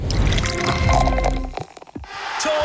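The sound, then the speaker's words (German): Espresso is poured steadily for over a second, then a few wet gulps and sips follow before a soft fill-like trickle resumes. “Oh, Trinkpause. Ja. Gibst mir den Espresso oben links. Prost.”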